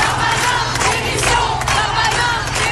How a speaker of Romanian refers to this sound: Ministrul francez al justiției promite măsuri dure, oamenii îi strigă însă demisia.